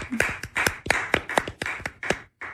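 A short round of hand clapping: about nine sharp, fairly loud claps in a steady, brisk rhythm, sounding like just one or a few people rather than a crowd, with no talking.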